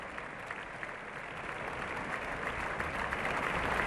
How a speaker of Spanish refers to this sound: Abandonan el escenario todos los cantantes del reparto y ya van cesando los aplausos.